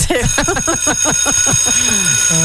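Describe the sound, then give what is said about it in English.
A school bell rings loudly, a quick run of repeated ringing pulses that ends on a short, steady held tone. “Has the bell rung yet?”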